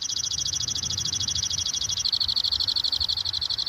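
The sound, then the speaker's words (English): A pinkish-fuchsia songbird with dark wings and two prominent wing bars sings a rapid, buzzy trill of fast repeated high notes, holding steady and then shifting slightly in tone partway through, fairly loud over a low background rumble, with two other birds counter-singing. “He loves to sing, doesn't he? Yeah, he's singing hard right now.”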